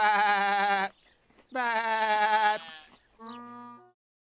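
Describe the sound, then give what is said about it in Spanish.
Sheep bleat three times in a row, loud, each call a wavering, quavering baa, with the last one shorter and a little softer. No one speaks. “Desde hoy estarás a cargo de las ovejas.”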